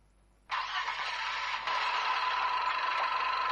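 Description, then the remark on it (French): At a travel agency in Yaoundé, buses and coaches, some full, sit in departure position. After a brief quiet start, a steady engine rumble with a broad hissing roar kicks in and holds at an even level, a faint constant tone running through it, with no voices. “Les véhicules sont en position de départ, certains bus et cars sont pleins,”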